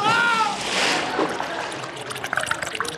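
A brief cry cuts into a loud splash as Pike plunges into a river while wading across, the water coming over his head; then the water churns and trickles in scattered splatters as it settles.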